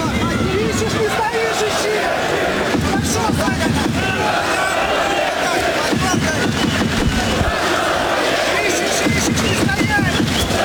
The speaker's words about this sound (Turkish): Rudenko ringe, daha doğrusu maça dönünce de salonda bir alkış tufanı koptu